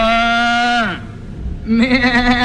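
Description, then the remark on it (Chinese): A man's voice mimics a goat with two drawn-out bleats, the second wavering and quavering; loud, and with no other sounds around it. “谁让你叫唤来着？ 叫唤起来没完了。”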